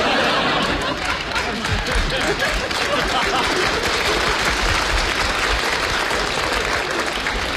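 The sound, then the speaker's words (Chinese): Steady, dense applause from a sizable audience fills the whole stretch at a loud, even level, with a few scattered chuckles and murmurs mixed into the clapping. “你别鼓掌了，这烟全灭了。”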